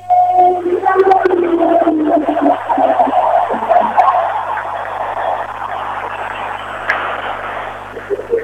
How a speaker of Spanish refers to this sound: Una ovación muy parecida a la de Messi para el técnico de la selección argentina, Lionel Scaloni. Allí teníamos la voz del estadio presentando justamente la formación de la selección argentina para este partido.